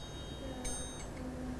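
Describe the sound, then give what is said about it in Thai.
A metal triangle, used by a teacher as the rhythm instrument for a children's movement and rhythm activity, rings with a bright, sustained shimmer, struck a few times in quick succession, moderately loud. “เครื่องให้จังหวะที่ครูหญิงจะใช้ในวันนี้นะคะก็คือระฆังเหล็กสามเหลี่ยมค่ะเดี๋ยวเรามาทบทวนจังหวะกันก่อนนะคะ”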